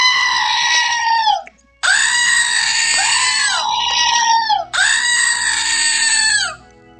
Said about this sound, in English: I just opened something I got from my sister in the mail, and yes, it's another screaming goat. So now I have screaming goats in stereo.